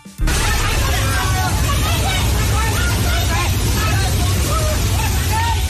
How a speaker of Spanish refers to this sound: El momento en el que un torrente de lodo y escombros arrasa con numerosos edificios tras desbordarse un río en Nepal, en la frontera con China.